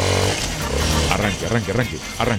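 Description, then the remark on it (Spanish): A voice imitates a Suzuki DR160X motorcycle engine starting and revving, making loud rising and falling vroom sounds in several quick bursts. “Arranque con esa motocicleta, que esa es la que usted se va a ganar.”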